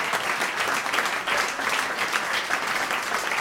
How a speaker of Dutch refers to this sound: Echt een daverend applaus hier.